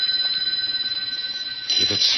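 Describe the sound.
A telephone on a desk rings with a steady, high-pitched bell trill that continues through the whole clip, with a brief burst of voice near the end.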